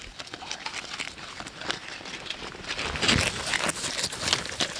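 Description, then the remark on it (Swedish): Swedish Landrace pigs smack and chew as they eat, a dense, irregular run of wet clicks and crunches that builds slightly louder toward the end, with no talking. “Hörs du bara smaskar?”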